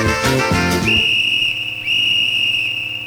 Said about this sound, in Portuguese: Apito, árbitro da Eletrocasa!